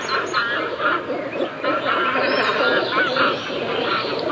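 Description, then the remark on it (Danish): A dense, continuous chorus of cormorant calls, harsh guttural croaks overlapping steadily as if from a busy colony, fairly loud throughout. “Skarven. En fugl, som jeg ved, du ikke er sådan udpræget glad for”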